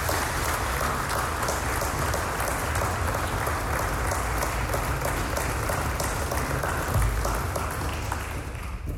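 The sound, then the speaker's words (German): An audience applauds the people who have long supported the Hebbel Society (Hebbel-Gesellschaft), many hands clapping in a dense, continuous patter that holds at an even, fairly loud level for several seconds with no voices over it. “Und deswegen finde ich mal einen ganz besonderen Applaus für diese besonderen Menschen, die die Hebbel-Gesellschaft seit so einer langen Zeit tragen.”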